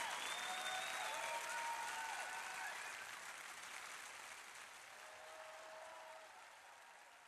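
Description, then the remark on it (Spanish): A worship crowd claps steadily, giving applause to the King during praise, in a dense, even wash of applause that slowly fades in volume, with a few faint whistles and cheering voices sliding through it. “Dale ese aplauso al Rey de...”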